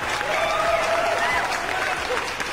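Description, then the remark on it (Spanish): Steady, dense applause from a crowd, loud and continuous throughout, with a few thin whistles or cheers riding faintly above the clapping. “Y un aplauso para ustedes.”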